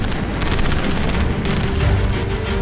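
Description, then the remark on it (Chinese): A dense, continuous barrage of gunfire with rapid overlapping shots and deep rumbling landmine explosions, loud and steady throughout, as Seventh Company soldiers fire in turns among the high mountains of Langya Mountain, with no voices. “崇山峻岭之中，地雷不断爆炸，枪声四处响起。”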